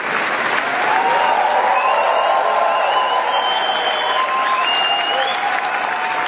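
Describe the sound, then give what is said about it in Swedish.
A standing ovation for actress Lea Seydoux and the film Gentle Monster after its premiere at the Cannes film festival. Dense, steady applause from a large crowd stays sustained and loud throughout, with faint whistles and a few cheers rising above the clapping. “De här applåderna är inte från en talkshow, utan så här lät det när skådespelaren Lea Seydoux fick ta emot stående ovationer för filmen Gentle Monster efter premiären under den pågående filmfestivalen i Cannes.”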